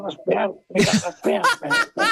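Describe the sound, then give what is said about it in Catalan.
A man gives five or six harsh, rasping coughs and throat-clearing bursts in quick succession, brought on by Lay's potato crisps, fairly loud and voiced, with short gaps between them and no other sounds. “No me l'imagino, deu tossir molt el senyor … amb aquestes.”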